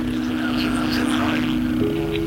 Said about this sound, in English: Listen, please. Do you hear it? The curious humming sound that seems to come from inside the object. I'll move the microphone nearer.